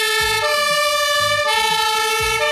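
Loud sirens from a fire engine and an ambulance wail together in a steady, overlapping tone, with a deep rhythmic engine rumble pulsing underneath. No one speaks.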